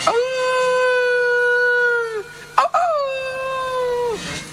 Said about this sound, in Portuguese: Os lobos fomentos, ganas de comer carne humana, estaban os lobos ouveando.